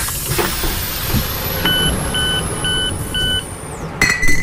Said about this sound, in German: Welches ist das erste Geräusch? Und damit meine ich nicht das Türenpiepsen.